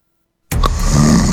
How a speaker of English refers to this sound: It's happening to you every night. One snores, and the other can't sleep. It seems like there's no end to it.